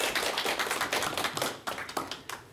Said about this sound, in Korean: 여러분 박수 부탁드릴게요.